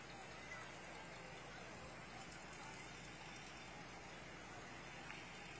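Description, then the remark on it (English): A vintage Ford Galaxie car's engine rumbles steadily, a continuous low drone with broad road noise that holds level throughout rather than swelling and fading. “Another beauty, a Galaxy. Very nice car.”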